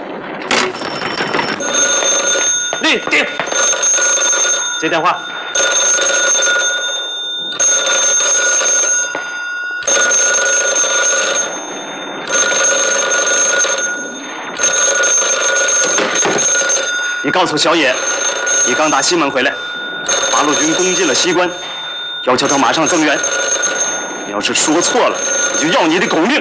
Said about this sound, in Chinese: 立定，接电话。